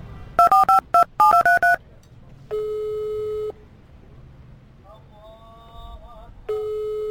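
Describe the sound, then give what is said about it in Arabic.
A quick run of touch-tone dialing beeps, about seven keypresses in two bursts, followed by steady electronic phone tones repeating at intervals, like a busy signal on the line, as a man calls his brother, whose line keeps cutting off. “من الصبح انا ندق عليه وهو يفصل.”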